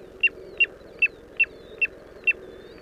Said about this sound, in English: This is WSHU's Birdsong Break. This week, the tiny but mighty piping plover.